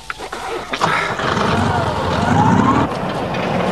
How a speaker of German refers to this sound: Warten Sie, gehen Sie noch nicht. Vielleicht springt der Motor jetzt an.